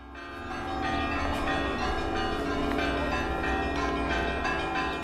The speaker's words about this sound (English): The German troops are greeted with the ringing of church bells.